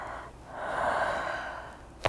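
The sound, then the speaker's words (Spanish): A long, breathy exhale from a patient fills most of the moment, then a single sharp, brief crack of the neck joint pops out at the very end, produced by a cervical torsion manipulation. “Track. Ese track se llama torsión cervical.”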